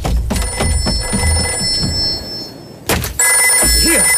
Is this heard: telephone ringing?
yes